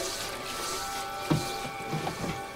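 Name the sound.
running faucet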